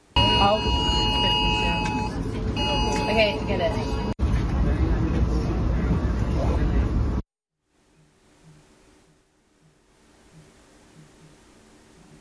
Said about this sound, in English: millions across England and Wales received an emergency alert on their mobile phones, as the risk of more fires over the weekend remains very high. Let's have a listen to that alert now.